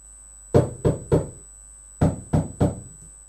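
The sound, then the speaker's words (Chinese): Two sets of three loud, hollow knocks on a door, made by Baby Pig in a story, each set in a quick even rhythm with a short pause between, over a faint steady hum. “哦，原来是宝贝猪在敲门。”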